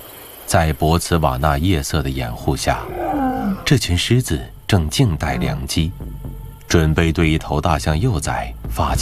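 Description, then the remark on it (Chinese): At night in Botswana, a pride of lions roars and growls in repeated deep, rumbling bursts, some calls sliding down in pitch, while a steady chirring of crickets and insects carries on underneath; the lions are waiting to attack a baby elephant. “此时，在博茨瓦纳夜色的掩护下，这群狮子正静待良机，准备对一头大象幼崽发起进攻。”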